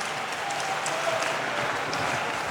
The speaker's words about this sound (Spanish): Hemos hecho el aplauso otra vez. Él es digno de alabanza y de adoración. Aleluya.